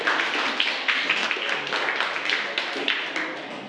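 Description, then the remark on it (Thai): Students in a class applaud the first group for a correct answer, a dense patter of many hands clapping at once that holds at an even, moderately loud level throughout, with no speech over it. “ถูกต้องปรบมือให้กับกลุ่มแรกค่ะขอบคุณค่ะ”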